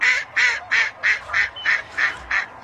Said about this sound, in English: This is a duck. This is a duck named Merlin who has captured the world's attention down in Mexico for donning the Mexican team's national garb and just charming the pants off everybody.